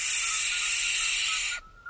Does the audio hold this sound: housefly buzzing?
no